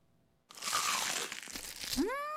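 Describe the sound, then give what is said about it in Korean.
A loud crunch of someone biting into crispy fried chicken coated with chicken crumble, a dense crackling burst lasting over a second, ending in a quick rising swoosh. “바삭해 맛있는 육식계 치킨 크럼블을 입혀 크런치하고 크리스피하다”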